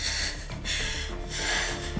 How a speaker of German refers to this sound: Können Sie sich aufsetzen? Und jetzt atmen. Ein.